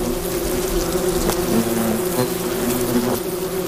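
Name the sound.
wasps buzzing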